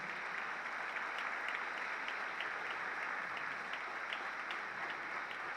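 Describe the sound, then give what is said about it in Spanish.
An audience at a Mass applauds steadily for the presiding bishop, Gerardo de Jesús Rojas López, after young people received confirmation, a dense, even wash of many hands clapping at constant volume throughout, with no voices standing out. “Un fuerte aplauso para nuestro obispo.”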